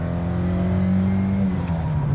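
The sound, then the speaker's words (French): A 1.6-litre, 110 hp car engine revs steadily with a deep, harmonic hum that holds strong and even, loud, then drops slightly near the end; no one speaks. “Allez, on va écouter un petit peu le chant de ce 1,6 litre, 110 chevaux.”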